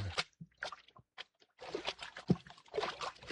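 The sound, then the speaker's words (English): Feet wading through ankle-deep water inside a cavern off a mine shaft in a mountain, with irregular splashy sloshes and swishes, some steps louder, in a short uneven rhythm with brief pauses between movements. “Hey, we're in water over our ankles.”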